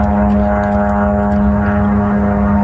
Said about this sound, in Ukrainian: Від ранку Запоріжжя під атакою ворожих безпілотників.